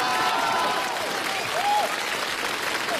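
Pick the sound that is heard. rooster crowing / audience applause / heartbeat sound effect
audience applause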